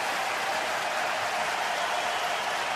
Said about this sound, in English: Now you can hear the response from the crowd here at SAP Center. They like the way the Sharks are playing.